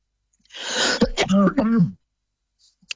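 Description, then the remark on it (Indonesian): A single harsh cough with a raspy throat-clearing quality from a speaker during a radio talk, lasting about a second and a half, followed by silence. “Nah, mohon maaf ya, para pendengar masih batuk.”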